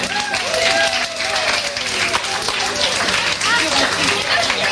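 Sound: audience applause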